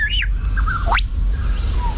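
A lyrebird, mimicking the sounds around it, gives a quick run of varied calls, an arched whistle, short chirps and a fast rising sweep, each sounding like a different bird, clear over a low outdoor rumble.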